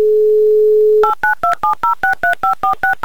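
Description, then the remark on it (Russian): A steady telephone dial tone for about a second, then a quick, even run of about eleven touch-tone beeps as a phone number is dialed again to call a listener back, loud with no voices. “И еще раз мы набрали номер телефона”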